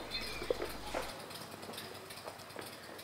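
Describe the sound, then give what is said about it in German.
Quiet outdoor village ambience with a steady soft background hiss, a few brief faint bird chirps, children, and scattered light mechanical clicks and clinks from a neighbour working on his motorcycle. Nobody speaks. “Da hört man die Kinder, überall die Vögel und da ist der Nachbar, der an seinem Motorrad schraubt.”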